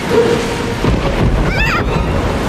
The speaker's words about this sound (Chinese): 没事的，皮特，这种小暴风雨吓不到我咔嚓船长的。也许这小暴风雨一点儿也不小，我们找个地方躲一躲。